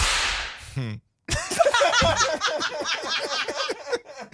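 A sharp whip crack with a hissing swish opens, followed by a brief pause, then several people burst into lively, overlapping laughter that carries on loudly to the end.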